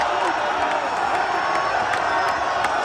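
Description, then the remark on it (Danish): A large crowd in the USA roars and cheers continuously after the US men's football team beat Paraguay 4-1, a dense wash of voices with scattered whoops and clapping, loud and steady throughout with no pauses. “Og her i de tidlige morgentimer dansk tid, ja, så prøvede jublen altså virkelig for alvor løs i USA.”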